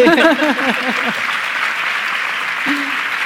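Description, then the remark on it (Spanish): An audience breaks into steady, dense applause that fills the whole stretch, with a speaking voice trailing off underneath during the first second. “Y hablamos de esta de la conciliación, podéis aplaudir.”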